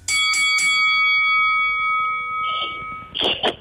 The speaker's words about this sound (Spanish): Yo no les vuelvo a dar paso, la campana suena, cuando suena la campana saben que es el turno de cada uno.